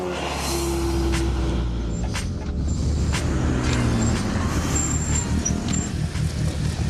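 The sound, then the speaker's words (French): A heavily modified Opel Speedster sports car engine runs loudly and steadily, its deep throbbing rumble shifting slightly in pitch as the revs change, with brief high whines sounding above it. No one speaks. “Alors c'est pas impressionnant comme ça, mais je peux vous dire que celle qui tourne ici est très modifiée.”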